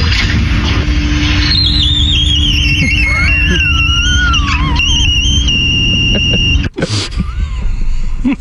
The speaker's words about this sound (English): So this one was yesterday. Now, this is a glass door, and when it shuts, so it makes a different sound.